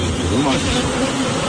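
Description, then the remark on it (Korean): A steady, droning insect buzz holds continuous for a second and a half, a low whirring hum like a large hornet hovering. “이게 왕벌이가 되네.”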